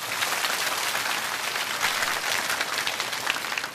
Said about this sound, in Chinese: 非常好，掌声鼓励一下。